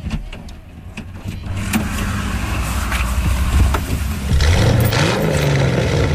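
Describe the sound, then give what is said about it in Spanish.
A car engine turns over and settles into a steady low rumble, with mechanical whirs and clicks on top, and the engine note rises and grows louder toward the end. No one speaks. “Bueno, pues para responder a estas preguntas, nos tenemos que subir a uno de sus coches.”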